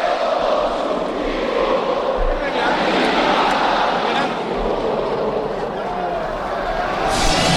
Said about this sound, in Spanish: Ahí está, acaban subiendo, cantándolo a capela los aficionados del club local.